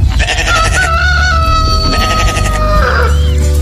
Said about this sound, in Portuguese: O galo cantou.